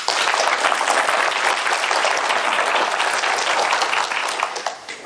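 A large crowd claps steadily, a dense, continuous wash of applause that holds loud for about four seconds before tapering off at the end.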